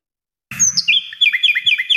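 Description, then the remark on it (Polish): A common nightingale sings, starting abruptly with a rich whistled phrase followed by a rapid series of repeated bright chirps, clear and loud with no voices. “Weny kojarzą się z romantycznymi, wiosennymi wieczorami i jak mówi ornitolog Jacek Karczewski, już można słuchać ich śpiewu w parkach, ogrodach i nadrzecznych zaroślach.”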